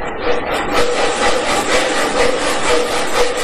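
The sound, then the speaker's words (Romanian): A two-man hand saw, worked back and forth by two men, rasps steadily through wood being cut into pieces for the fire, each push and pull making a loud, gritty stroke in a quick, regular rhythm of about two strokes per second. “Beschia intră în funcțiune. Cei doi se privesc scruditor în mișcare de dute vino.”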